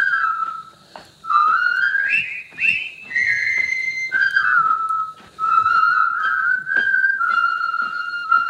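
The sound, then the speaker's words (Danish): A group of people whistling a jaunty march melody together, the whistling scene from the 1957 film The Bridge on the River Kwai starring Alec Guinness, the tune clear and steady with a faint rumble of movement beneath. “Det er fløjte scenen fra floden, eller broen over floden Kwai, som er en gammel film fra 57 med Alec Guinness i hovedrollen, som handler om de her stoiske, britiske, tilfangetagende soldater”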